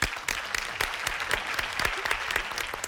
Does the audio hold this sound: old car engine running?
no